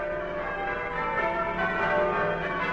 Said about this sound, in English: From the heights of our graceful bell tower, the bells ring out their welcome, inviting you to spend the next half hour listening to music warm, comforting and uplifting.